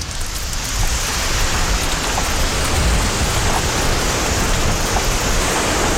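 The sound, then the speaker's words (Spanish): Water drips steadily from fog-catching nets at the edge of the desert in Morocco in the evening, as clouds pass through the nets, a dense, continuous patter like light rain, fairly loud, with no voices. “Las nubes ya están aquí y atraviesan las redes. Y entonces aparece el agua, gota a gota, sin lluvia.”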